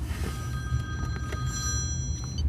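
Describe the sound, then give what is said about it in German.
A mobile phone rings with a steady electronic ringtone, its bright tones holding for a couple of seconds over a low background rumble, fairly quiet. “Handy.”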